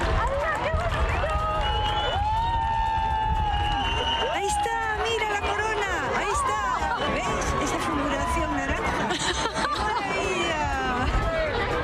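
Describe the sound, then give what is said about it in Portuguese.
A crowd shouts and cheers excitedly at the diamond ring moment of a solar eclipse, many overlapping voices rising and falling in loud, high-pitched whoops and cries that continue without a break for the whole stretch. “primero fue un anel de diamante, por eso gritaban, claro.”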